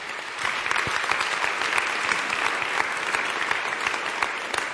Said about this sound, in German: Großen Applaus an dieser Stelle.